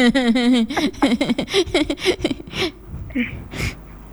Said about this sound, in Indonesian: Eh, kok batuk ini? Batuk ya.